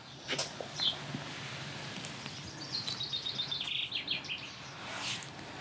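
High, thin chirps of swallows at their nest, from which a young swallow has fallen: a couple of isolated peeps, then a quick twittering run of rapid notes over faint background rustle, with no voices.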